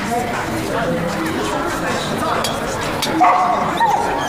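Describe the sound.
A dog barks and yips in short, high bursts amid murmuring voices at a meeting in a performance troupe's rehearsal hall, the yaps growing a little louder and sharper toward the end.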